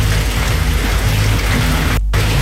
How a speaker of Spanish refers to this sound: Oye, se nota, uy, está lloviendo fuerte, oye.